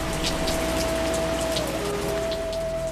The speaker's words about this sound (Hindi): घनघोर वर्षा की भी चिंता नहीं।